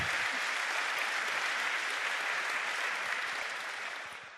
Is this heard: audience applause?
yes